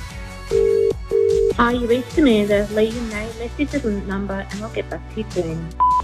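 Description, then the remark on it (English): A phone line rings twice, two short steady buzzing tones with a brief gap between them, as a radio station calls a listener, then a voice comes on and talks over the line. “So let's call her and give her the good news that she can now push play on her Totally 80s triple play.”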